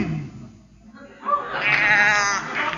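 A cow moos once in a long, drawn-out, wavering call that rises after a quiet moment and stays loud until the end. No one speaks over it.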